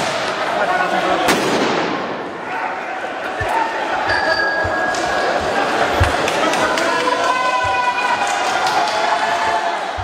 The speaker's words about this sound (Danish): Politiet affyrede tåregas og brugte knipler mod demonstranter, der skød fyrværkeri efter urobetjente.